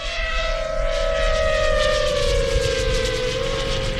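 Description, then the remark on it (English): A military drone fitted with a camera and microcomputer hums with a steady, high-pitched propeller buzz, the tone sliding slightly lower as it passes, with constant rushing noise beneath and no voices. “STAB points to a drone.”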